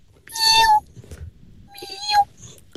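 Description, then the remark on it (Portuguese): A woman imitates a baby kitten with two high, thin meows, each lasting about half a second and separated by a short pause, fairly loud over a faint background murmur. “Pá, temos aqui então ela a dizer: sei imitar gatos bebés.”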